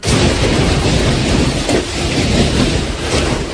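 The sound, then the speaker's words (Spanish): A dense, continuous roar of heavy storm rain in Catalonia, Spain, loud, holding steady for the whole few seconds with no voices over it. “Y lo estás escuchando, tormentas que han obligado a los bomberos a atender 270 avisos por incidencias causadas por la lluvia.”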